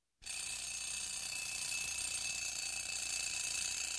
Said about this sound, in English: Don't you hear that alarm clock? Get on out of that bed and wash your simple head. Can't you hear that alarm clock?